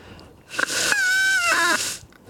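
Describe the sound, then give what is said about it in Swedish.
A reedy, high squeal from a leaf blown between the thumbs, starting with a breathy rush, then holding a wavering, buzzy tone that bends and cracks before breaking off, loud and alone. “Du vet när man var liten och så satt man och så hade man ett blad mellan tummarna.”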